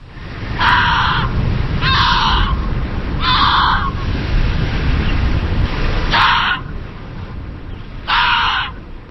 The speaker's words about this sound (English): This is the sound of an Arctic fox. While some species migrate south or hibernate during the cold months, Arctic foxes are perfectly adapted to endure the brutal winters of their polar habitat.